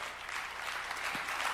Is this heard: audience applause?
yes